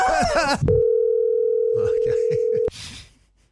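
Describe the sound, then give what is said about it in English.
A steady, mid-pitched telephone ringing tone on an outgoing call to a work colleague holds unbroken for about two seconds before cutting off abruptly. Voices speak just before it, faintly beneath it, and right after. “I rang a colleague from work”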